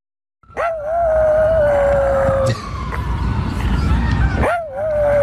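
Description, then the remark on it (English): A small dog lets out a long, wavering high howl at sirens, breaks off, then starts another, loud over a rumbling outdoor background in Central Park. “tiny rat dog Brutus, howling at sirens in Central Park”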